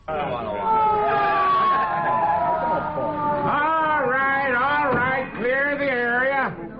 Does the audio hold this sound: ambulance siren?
yes